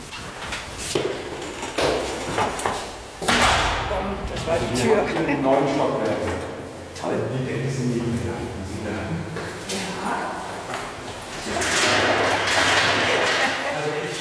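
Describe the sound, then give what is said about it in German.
A heavy archive door swings shut with a loud thud partway through, followed by a softer knock, while people talk, in the storage stacks of the archive of the Academy of Arts. “Ich habe 96 angefangen, da gab es noch die Tür zu. Tür zu, ja.”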